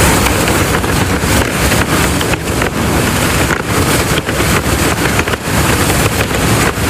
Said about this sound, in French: Ouais, c'est le vent dans les voiles. Voilà, tout simplement.